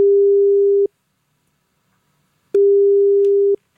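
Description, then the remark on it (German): A telephone ringback tone sounds twice, each a steady, clear electronic beep of nearly a second separated by a long silent gap, with no voices present. “wir gucken das alles so durch und dann zücken wir einen Zettel, den reichen wir ihm rein und dann muss er zum Telefon und dort mal sein nächstes Date klar machen.”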